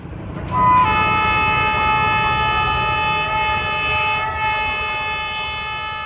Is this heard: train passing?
yes